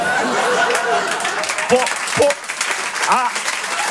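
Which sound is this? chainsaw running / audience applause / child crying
audience applause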